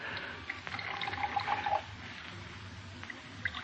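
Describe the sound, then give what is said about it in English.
Brandy pours from a bottle into brandy snifter glasses with a gurgling splash that rises in pitch as each fills, then fades to soft clinks and quiet background noise. No one speaks. “Now, two glasses, please. Brandy snifters, of course. If anyone should see us, Mr. Brown, I'll pour, Elsie.”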